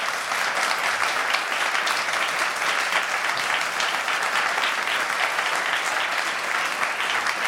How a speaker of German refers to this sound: Erst einmal ein Applaus, liebes Publikum.